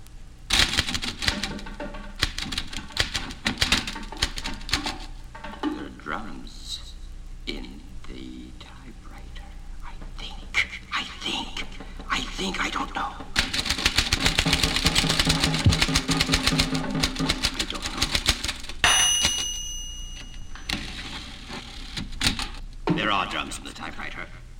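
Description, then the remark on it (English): Rapid typewriter keystrokes clatter in uneven bursts, with a bright ringing bell late on as the carriage reaches the end of the line, then typing resumes. “In this typewriter.”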